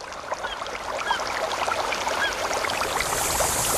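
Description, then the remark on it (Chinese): Steady outdoor woodland ambience: a constant rushing, hissy wash like flowing water or wind through leaves, with scattered small bird chirps threading through it. No voices. “森林，草原，大海。”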